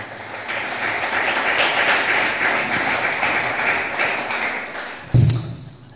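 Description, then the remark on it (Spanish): A church audience applauds the Lord Jesus steadily, a dense wash of many hands clapping at an even level for about five seconds, ending in a sharp thump before quieting. “Otro aplauso, por favor, para el Señor Jesús.”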